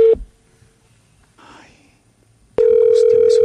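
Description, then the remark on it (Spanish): A steady electronic ringing tone of an outgoing phone call sounds briefly, cuts off into near silence with a faint rustle, then returns loud and continuous with a buzzy, slightly warbling edge, before the call goes to voicemail. “Ahora listo, sí, murió. Se fue. Se fue al buzón.”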